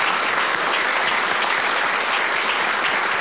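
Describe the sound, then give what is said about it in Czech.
A crowd of people claps steadily, a dense, sustained wash of applause that holds at an even, fairly loud level throughout without any voices rising above it, at the close of an event in the Czech Republic. “Prosím o potlesk.”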